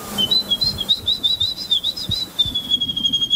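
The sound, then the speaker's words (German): A woman from the Polish bird-voice imitation competition imitates birdsong, whistling a continuous, high, warbling melody with quick trills and wavering pitch, steady throughout, over faint low rustling. “Sie hat den polnischen Vogelstimmen-Imitationswettbewerb”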